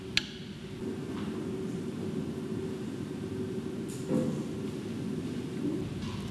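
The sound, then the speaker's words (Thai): A steady hiss of light drizzle at night fills the scene, with a low, continuous rumble of thunder underneath and a few faint drips or taps breaking through. “คืนนี้ฝนตกพรำๆตั้งแต่เย็นไฟฟ้าก็ดับ”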